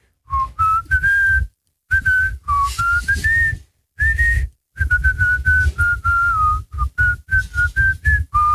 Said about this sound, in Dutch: En het was geen fluitje van een cent vandaag, merk ik. Want kennelijk was hij nogal moeilijk. Ik ga nog één keertje fluiten.